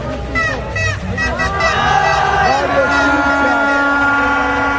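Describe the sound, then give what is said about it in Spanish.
Horns of parked cars blare in overlapping, sustained tones outside the Ecuadorian national team's hotel at night, over a loud, continuous hubbub of crowd voices and singing, with the honking steady and insistent throughout. “Los carros pitan.”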